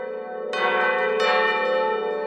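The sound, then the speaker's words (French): Church bells peal loudly, fresh strikes landing over a sustained, shimmering ring of overlapping tones, with no voices present. “Les cloches carillonnaient et dans toutes les rues, les héros annonçaient les fiançailles.”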